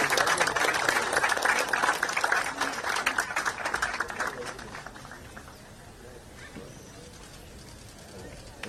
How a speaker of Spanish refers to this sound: Los aplausos, señoras y señores